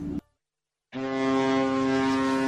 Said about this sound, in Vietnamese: Khi con tàu rời cảng rẽ sóng ra khơi, tiếng máy nổ rền vang hòa quyện với tiếng gió, tiếng sóng giữa biển trời bao la của Tổ quốc.